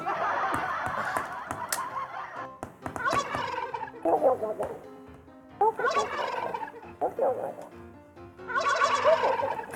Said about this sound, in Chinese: 好可爱哦，那个火鸡真是好可爱哦。